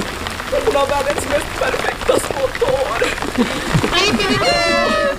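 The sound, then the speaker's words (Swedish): Heavy rain pours down in a steady, dense hiss during a summer theatre premiere, while voices speak and call out loudly over it. “Ja, det är inte min bandspelare som har fått fnatt, utan det är regnet som öste ner under hela premiären.”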